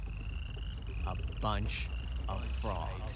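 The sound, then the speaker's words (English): A dense chorus of hundreds of frogs croaking outdoors, a steady high trilling drone with several louder croaks popping out over it every half second or so. “A bunch of frogs.”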